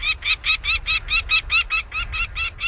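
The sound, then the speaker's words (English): A peregrine falcon gives a rapid, steady series of harsh, scratchy cackling calls, about a dozen in quick succession, loud with no voices. “Northern nesting species of falcons, like this peregrine we're hearing, move southward, closer to their many admiring observers.”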